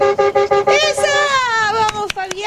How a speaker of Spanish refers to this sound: Tiró el bocinazo, no voy en tren, voy en camión. ¿Dejó su mensaje? ¿O solamente nos tiró solo eso?